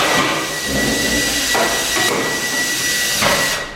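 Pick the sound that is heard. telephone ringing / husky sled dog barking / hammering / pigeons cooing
hammering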